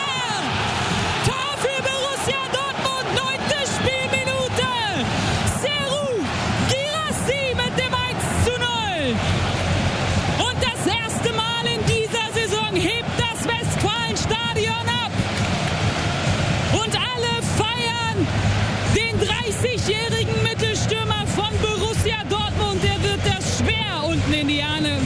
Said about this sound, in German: der Applaus und der Jubel regnet auf ihn nieder und er nimmt es total cool, fährt sogar jetzt noch den Daumen aus und streckt ihn in die Höhe